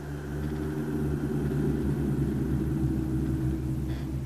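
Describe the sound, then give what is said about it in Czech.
A deep, steady rumble of distant thunder from a storm in the mountains rolls on for several seconds, low and continuous without sharp cracks, heard alone with no voices. “Slyšel jsi? Někde v horách bouří.”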